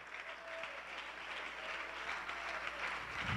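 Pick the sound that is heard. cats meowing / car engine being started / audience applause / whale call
audience applause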